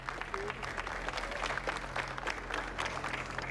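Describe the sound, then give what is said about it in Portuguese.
A crowd claps steadily, the dense patter of many hands sustained throughout, with a low steady hum underneath and no one speaking over it: people in the streets of Serra Talhada applauding a funeral procession passing through at night. “O cortejo seguiu pelas ruas da cidade já durante a noite e por onde passava, o povo aplaudia.”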